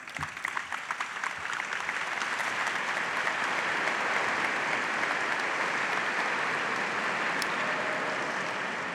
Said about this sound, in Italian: L'applauso e poi la stretta di mano, l'incontro di Papa Leone con i giovani francescani ad Assisi, Santa Maria degli Angeli. Oggi un incontro al quale, vedete, sono migliaia i fedeli che partecipano.